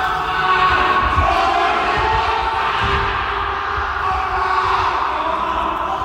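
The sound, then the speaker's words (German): Extras playing victims in a tunnel rescue exercise scream and shout at once in a loud, unbroken chorus for about six seconds, with dull low thumps and rumbling underneath the cries. “Und auch die Statisten oder wie es sich bei solchen Übungen nennen, die Meme, haben ordentlich mitgespielt. Das klang schon ziemlich echt und auch ein bisschen gruselig.”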